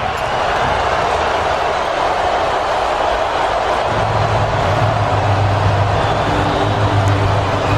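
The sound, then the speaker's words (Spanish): A stadium crowd in Los Angeles boos and whistles at Iran's national anthem before an Iran–New Zealand match, in a loud, continuous wash of noise that never lets up. Partway through, a low, steady droning tone rises beneath the jeering. “Abucheos y pitos de buena parte del estadio de Los Ángeles, que ha asistido al encuentro, al himno de Irán”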